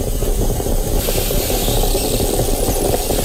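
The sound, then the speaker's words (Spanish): A moka pot (Italian coffee maker) bubbles and hisses on the stove while brewing coffee in the morning, a steady gurgling, sputtering rush with a low rumbling undertone, loud throughout with no one talking. “Has cambiado el sonido de la cafetera. Ahora es una cafetera italiana.”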